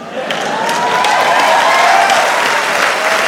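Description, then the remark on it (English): Sustained audience applause, a dense wash of many hands clapping at a steady, loud level throughout, with faint cheering voices woven into the noise. “You hear that? That's not enough support.”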